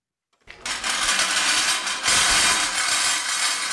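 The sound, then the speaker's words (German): After a brief silence, Jean Tinguely's 1963 scrap-metal kinetic sculpture "Hong Kong", built from car wheels, a pan and a drill bit linked by V-belts and small electric motors, starts up at the Kunsthalle Mannheim with a loud, continuous mechanical clatter and whir, rattling metal grinding steadily on and growing slightly louder halfway through. “Mit lautem Scheppern setzt sich das Kunstwerk in Bewegung.”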